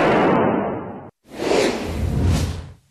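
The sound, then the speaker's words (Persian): Two loud bursts of gunfire inside an Islamic Republic state TV (Seda va Sima) studio, shot at the UAE flag and the studio ceiling, each a harsh, noisy roar lasting about a second, separated by a brief pause, with no voices heard. “آموزش با سلاح به مردم، بعد شلیک به پرچم امارات و سقف استودیو.”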